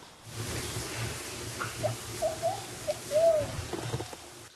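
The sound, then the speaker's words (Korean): A guide in Brazil, looking up at a tree, whistles a series of short, high bird-like calls, a few quick chirps followed by a longer sliding note, imitating a bird over a low background hum. “갑자기 나무를 쳐다보더니 새 소리를 내는 가이드.”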